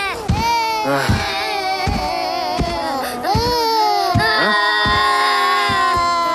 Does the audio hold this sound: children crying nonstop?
yes